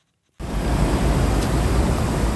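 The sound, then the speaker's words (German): A water sprinkler in a city in Poland, a 'kurtyna wodna' (water curtain) made of two metal tubes set up in an arch, sprays fine mist onto passersby. It starts abruptly after a brief silence and continues as a steady, dense hiss that stays loud and even until the end, with no voices. “Eine Sprinkleranlage, zwei Metallröhren in einem schönen Bogen aufgestellt, sprüht feine Wassertropfen auf alle, die vorbeikommen.”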